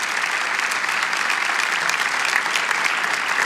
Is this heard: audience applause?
yes